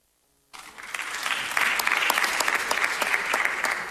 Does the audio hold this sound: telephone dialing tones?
no